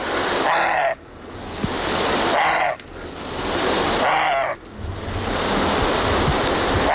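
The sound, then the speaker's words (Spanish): A roe deer barks three times, each call a loud, harsh, rasping burst spaced roughly evenly apart, set against a steady rushing noise like wind or surf. “Es la ladra del corzo.”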